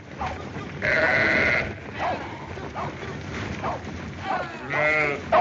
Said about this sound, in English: Come on, get them sheep moving.